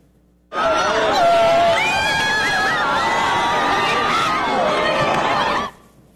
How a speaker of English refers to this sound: So for Spain, this was especially rare. The country hadn't seen a total solar eclipse in, what, more than a century? Listen to the crowds cheering as this totality hit.